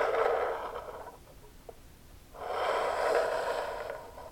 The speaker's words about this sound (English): Combination of the glass rubbing up against the bamboo table, and sometimes it's very subtle, or more dramatic.